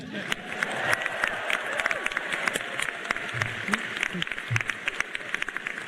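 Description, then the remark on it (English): A large crowd of new Stanford University students, transfer students and the first-year class of 2030, claps and cheers at once on being welcomed into the university, a dense wash of applause with scattered whoops, steady and sustained. “You're now in. You should cheer.”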